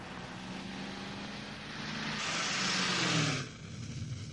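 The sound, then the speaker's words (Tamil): A single car speeds past up close, its engine roar swelling loudly with a falling pitch before cutting off abruptly as it moves away, leaving a steady background rumble. “அது என் கார், என் கார்.”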